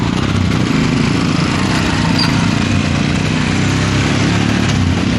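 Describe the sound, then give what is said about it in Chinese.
Several motorcycle engines of a border patrol team start one after another in the Dergong village committee courtyard at 10 a.m., with new five-star red flags mounted on the motorcycles. They rumble and drone together in a loud, steady mechanical roar that fills the whole stretch without pause and with no voices. “一面面崭新的五星红旗插在摩托车上，发动机依次响起，沉睡的山谷被唤醒了。”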